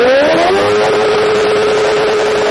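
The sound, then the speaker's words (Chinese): A loud motorcycle with a modified exhaust revs hard during a noise test by environmental monitoring staff in Haidian District, its engine pitch climbing quickly before holding a steady, raspy high drone for a couple of seconds, with no voices. Its noise was measured at up to 114.9 decibels. “咱们现在测试一下这辆车，就这辆改装过的摩托车，啊，它这排气管在咱们点火拧油门的情况下能达到多少分贝？”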